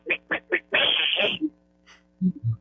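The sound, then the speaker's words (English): A caller imitates a squirrel with three quick, high chirps followed by a longer raspy chattering burst, then a couple of low, short vocal sounds at the end. “Okay, I can do frogs, bullfrogs, squirrels.”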